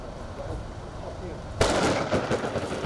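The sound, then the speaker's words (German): The first big summer thunderstorm of the year reaching Nordhorn in Lower Saxony, Germany: a low, steady rumble of storm noise gives way to a sudden loud crack of thunder, followed by a dense, hissing roar of heavy hail and rain pelting down. “Das erste große Sommergewitter des Jahres erreicht Nordhorn vor knapp 2 Stunden.”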